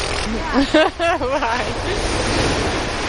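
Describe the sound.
Steady roar of ocean surf washing over the beach, where a person walks sheep along the edge of the water, fills the whole clip, a broad hiss with gentle swells, while people talk briefly over it in the first half.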